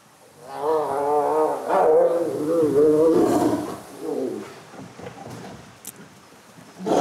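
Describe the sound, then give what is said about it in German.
Loud, harmonic growls and snarling roars from tigers put together, play turning briefly into a fight, rising and overlapping in bursts for a few seconds, then tapering into quieter grumbles before a final sharp burst. “Das war jetzt erst Spiel und dann wurde aus Spiel mal ganz schnell kurz ernst, aber nichts Schlimmes.”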